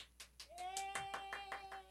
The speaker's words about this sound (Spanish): Y le pido un aplauso porque aceptó regresar con nosotros, la jefa.